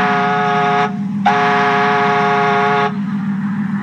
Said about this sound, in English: Oh, maybe just whistle. You know, I've been practicing. Oh? Listen.